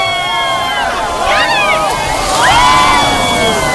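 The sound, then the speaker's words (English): A large crowd cheers and whoops outdoors at the 2026 World Dog Surfing Championships, many overlapping voices rising in two excited swells over a steady background roar, fairly loud and sustained throughout. “It was the 2026 World Dog Surfing Championships the other weekend, and I cannot believe I missed it.”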